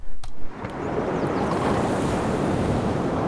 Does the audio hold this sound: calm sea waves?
yes